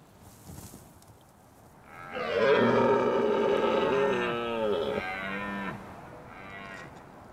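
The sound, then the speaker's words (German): A deer stag in the open landscape of the Scottish Highlands lets out one long, loud bellow lasting a few seconds, deep and groaning with a rough, drawn-out tone, rising out of a quiet outdoor background. “Dort machen andere lautstark auf sich aufmerksam.”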